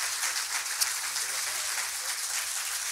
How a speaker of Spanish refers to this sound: Ahí está esa ovación, ese aplauso cerradito para …. Muchas gracias, ….